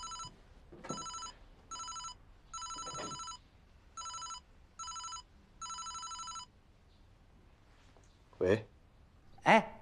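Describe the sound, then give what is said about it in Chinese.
A telephone rings in a series of short, bright electronic trills with regular pauses between them, loud; a couple of brief voice sounds come in at the end after the ringing stops. “啊， 不是你去就去，你给我打电话干什么？”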